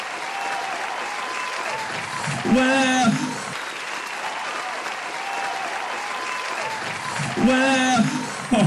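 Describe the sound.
A crowd claps steadily and densely for the whole stretch in a round of applause for the NHS, a constant rattling wash of hands, while a voice calls out briefly twice above the applause.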